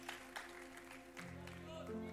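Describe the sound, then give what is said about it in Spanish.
An audience claps steadily during a sermon, applauding Jesus, in a dense, continuous patter, with sustained keyboard or organ chords holding underneath and rising in pitch partway through. “Dele un aplauso fuerte.”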